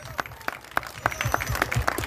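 An audience applauds, with a dense patter of hand claps carrying a steady, loosely rhythmic beat that grows fuller toward the end, at moderate volume.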